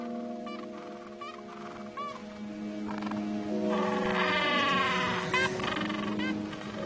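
A dense gentoo penguin colony of over 300 birds on a plain above a beach, busy incubating eggs or raising chicks, fills the air with overlapping braying, bleat-like calls, a loud continuous chorus with individual cries rising out of it, and no one speaking.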